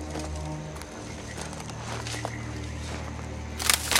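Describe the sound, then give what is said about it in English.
Katniss and Peeta tread carefully through dark woods, their footsteps crunching over dry leaves and twigs on the noisy forest floor, with irregular crackling steps that grow louder and busier near the end over a low steady hum. “They move off, treading carefully on the dry, noisy forest floor.”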